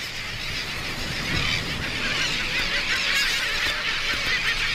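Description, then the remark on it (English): A dense, ceaseless din of seabirds in a crowded colony on Isla Rasa, a tiny island, calling over one another in noisy territorial disputes, harsh honking and squawking cries layered into a loud, steady wall of noise with no voices. “With so many birds crammed onto this tiny island, space is at a premium, and noisy territorial disputes add to the ceaseless cacophony of sound.”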